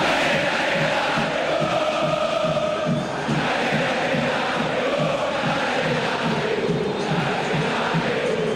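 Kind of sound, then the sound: crowd, football stadium crowd shouting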